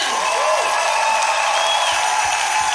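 An audience applauds and cheers for the Lord, a dense, steady wash of clapping with scattered shouts, loud throughout with no pauses.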